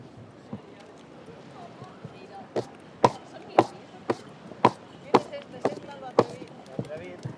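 Horse hooves clop on hard pavement in a steady, regular rhythm during the procession of the Fiesta de San Juan horse festival in Fornells, sharp distinct strikes growing louder and clearer midway, over a murmuring crowd background.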